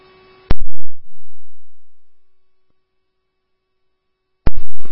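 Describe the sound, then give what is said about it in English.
Dispatch alert tones sent over a radio to a station for a walk-up call: a sharp click, then a steady electronic tone holding for several seconds, ending in abrupt bursts of radio static. “Can you please send us tones for a walk up at our station and put us en route and on scene with ambulance 4?”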